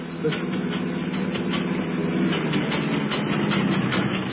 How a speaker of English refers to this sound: There's something wrong with the engine. It's packing up. Oh, no. Of all times to have a breakdown.